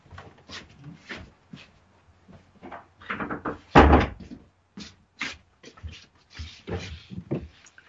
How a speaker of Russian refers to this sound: Так, придется дверь закрыть, ребята, извините.